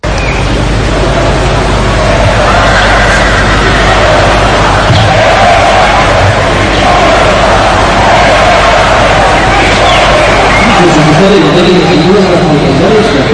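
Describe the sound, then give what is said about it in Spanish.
A large crowd shouts and boos from a distance at the national holiday military parade in Madrid, directed against the prime minister, a dense, continuous roar of many voices that swells at moments and never drops away over the whole stretch. “Pues con gritos que se escuchaban desde la distancia en contra del presidente del Gobierno, arrancaba ese desfile.”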